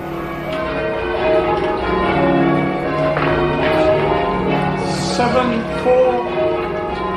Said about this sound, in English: Oh, how the locals love to ring those bells.